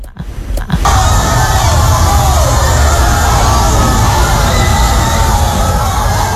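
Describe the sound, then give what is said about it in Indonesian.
A crowd of football supporters watching the 2026 World Cup at Kafe Ujung Jempol in Ambon, Indonesia, bursts into loud, sustained cheering and shouting after a brief quieter moment, the roar staying dense and steady to the end. “Sorak-sorai pendukung negara peserta Piala Dunia 2026 tak terbendung meski kadang hasil akhirnya mengecewakan.”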